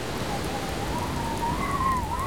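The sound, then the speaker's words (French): Steady rain falls in a dense, even hiss of countless drops, with a thin, faint whistling tone gliding slowly upward above it. No one speaks. “La pluie veut me faire déborder si ça continue.”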